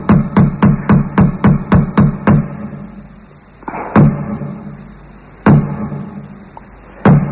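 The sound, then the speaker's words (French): Someone raps rapidly on a door, about eight loud knocks in quick succession, then after a pause three single heavy knocks land a second or two apart. No voices. “tu viens de frapper à ma porte, je viens t'ouvrir la porte, ouais.”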